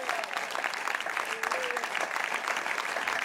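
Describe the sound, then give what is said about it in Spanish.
A church audience applauds in a steady, dense wash of clapping lasting several seconds, with a brief whistle-like tone rising above it midway. “Dele fuerte ese aplauso, iglesia.”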